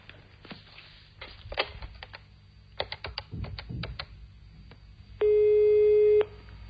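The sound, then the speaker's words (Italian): A string of sharp clicks and taps from buttons being pressed on a telephone keypad, dialing a call paid with a phone card, followed by a single steady electronic ringing tone lasting about a second, with no voices. “Ce l'hai una tessera telefonica? Sì. Dai, lo chiamiamo subito.”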